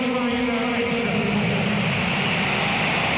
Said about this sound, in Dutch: Ja, en die krijgt nu natuurlijk ineens applaus. Hiervoor waren ze niet zo heel erg dol op hem. Maar na vorige week is hij ook wel een soort van local hero geworden.